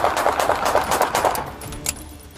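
A rapid volley of police gunfire, officers shooting at a man who drove a stolen car at them in a dead-end street after a chase: roughly a dozen sharp cracks fired in quick succession, trailing off, followed after a brief pause by one more isolated shot.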